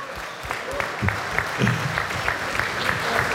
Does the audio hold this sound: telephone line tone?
no